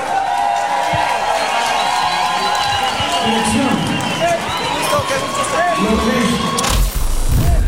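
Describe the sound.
A crowd applauds and cheers loudly and steadily, with a dense wash of clapping and shouting voices throughout, swelling even louder near the end.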